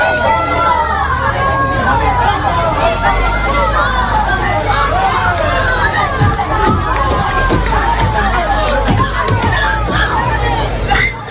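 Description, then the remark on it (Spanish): An angry crowd of neighbours in Hornachos shouts and yells continuously, with shouts of "asesinos" (murderers), while sharp, irregular bangs strike a Guardia Civil armored van, the loud thuds cutting through the dense wall of voices several times. “Se escuchaban esos golpes con gritos de asesinos y de todo lo que le podían decir a estos dos individuos, llamémoslos así, que han llegado hoy de nuevo a Hornachos.”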